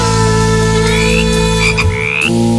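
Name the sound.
frog croaking sound effect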